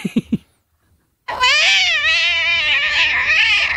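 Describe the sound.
A voice imitates a cat tumbling down stairs: a few quick bumping thuds, a brief pause, then a long, loud, wavering yowl that trembles up and down for several seconds.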